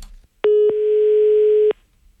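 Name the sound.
telephone dial tone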